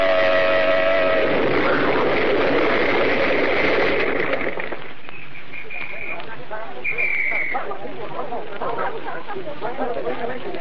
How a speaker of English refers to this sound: They started to swing out of line and blew their horn, and then it happened. This awful explosion.